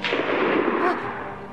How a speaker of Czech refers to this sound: Ten poslední výstřel, to byla puška Vinetua.